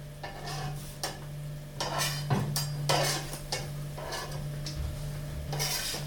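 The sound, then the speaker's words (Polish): Crepe batter is spread across a hot frying pan and sizzles steadily as thin crepes are fried, while utensils scrape and clink against the pan in short bursts, over a constant low hum. “Rozlewamy ciasto dobrze po patelni i niezbyt długo smażymy, gdyż cienkim naleśnikom o wiele łatwiej jest się przypalić.”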